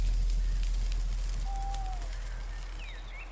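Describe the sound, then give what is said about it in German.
A campfire crackles steadily, irregular pops and snaps over a low rumble, with a few faint bird whistles drifting in. “Die Wärme des Lagerfeuers war wohltuend und so schlief er rasch ein.”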